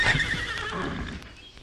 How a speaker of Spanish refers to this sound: Monte usted en su caballo, que el pobre desde que nos oyó venir no ha parado de relinchar.